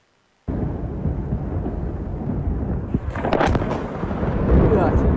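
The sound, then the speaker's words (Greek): An explosion as a Russian drone strikes the northern bridge in Kyiv at rush hour with many vehicles on it, recorded by residents on mobile phones: a heavy, low rumbling roar begins abruptly and holds steady, then a sharper crackling burst breaks through partway in before the rumble swells louder toward the end. “Κάτοικοι καταγράφουν με τα κινητά τους ισχυρή έκρηξη.”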